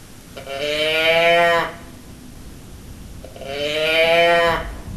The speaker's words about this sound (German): So ähnlich klang die Brumme meines Teddybären. Ich habe den Teddybären zwar noch, aber der brummt leider nicht mehr.